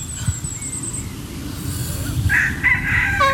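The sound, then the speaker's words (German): A rooster crows once during a yoga session with chickens, starting partway through and rising into a strained, drawn-out call over a steady low rumble of outdoor background noise. “Ja, der Hahn ist aber auch ein unbezahlter Statist, ne?”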